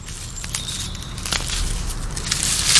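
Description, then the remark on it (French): A slug eating a leaf: soft, irregular wet crunching and rasping clicks, scattered unevenly over a steady low rumble, with no voices. “Oh, mais c'est une limace qui mange une feuille !”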